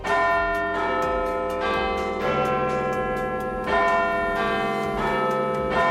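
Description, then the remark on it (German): The Big Ben bells in the clock tower of the Palace of Westminster in London chime loudly in a slow melodic sequence, each deep strike ringing out and overlapping with the next in a rich, resonant wash. No voices are heard. “Das ist der Big Ben, der Glockenturm am Palace of Westminster.”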